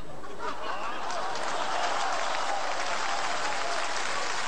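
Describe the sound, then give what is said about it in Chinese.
An audience claps steadily throughout to congratulate Jiang Kun, a dense, sustained wash of applause from a large crowd with a few faint voices and chuckles mixed in. “我们大家掌声祝贺一下，姜昆点燃了生活新希望。”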